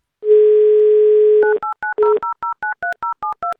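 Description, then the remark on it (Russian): A steady telephone dial tone hums for about a second, then a phone number is dialed during a call-in game on the Avtoradio radio station: a quick, even run of a dozen short touch-tone beeps at varying pitches. “Давайте наберем ее номер, узнаем у нее это лично.”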